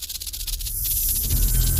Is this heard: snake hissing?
yes